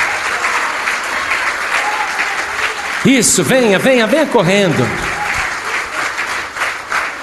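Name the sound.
audience applauding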